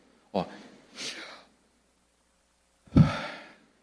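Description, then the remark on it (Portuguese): A single voice utters the Hebrew name of God without vowels as a breathy, airy syllable sequence, like a soft inhale and exhale given voice, in three short bursts with a pause before the last, stronger one. “É a respiração.”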